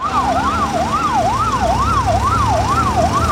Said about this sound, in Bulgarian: Свалиха ме долу на тревата, легнах и само чувам как линейките една по една идват.